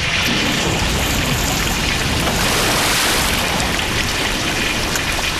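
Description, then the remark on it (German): Water floods a cellar with a loud, steady rush, a dense continuous wash of splashing like a heavy downpour, unbroken for the whole stretch with no voices. “Na schau, jetzt steht mein ganzer Keller unter Wasser.”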